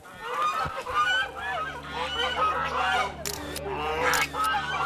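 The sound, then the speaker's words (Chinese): A flock of white geese honks and cackles continuously and fairly loudly, their overlapping calls filling the scene with a busy, agitated chorus over a low background hum, as they are herded out for a rural photography shoot in Dutou Village. “好，那你可以把鹅赶出来。”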